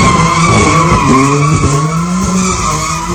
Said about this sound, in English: The video clip shows Ollie Fifield doing donuts in his pink BMW surrounded by crowds of people.